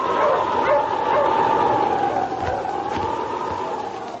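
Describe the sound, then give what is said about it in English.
The wonder dog King of Sergeant Preston in the Yukon barks and yips excitedly over a steady howling wind of a snowstorm, with a few sharp barks standing out near the end against the continuous, loud storm noise. “Now back to the days of the gold rush when Sergeant Preston and his wonder dog King battled through storm and snow to preserve law and order as they met the challenge of the Yukon.”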